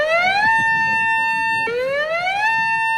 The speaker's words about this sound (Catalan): I és que actualment 36 municipis es troben en zones inundables que, en cas de trencament, disposen d'una setantena de sirenes per alertar els més de 70.000 veïns que hi resideixen.